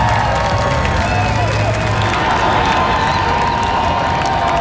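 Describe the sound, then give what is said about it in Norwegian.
A big outdoor crowd of tens of thousands on Slottsplassen cheers and applauds steadily as the men's national team, the World Cup heroes, walk out together with the guard lined up. The crowd wears red jerseys and Viking helmets and waves flags. A dense wash of clapping and shouting voices stays loud and even throughout. “Gående samlet ut på Slottsplassen til jublende applaus og garden oppstilt, fikk VM-heltene endelig møte folket som har heiet dem frem.”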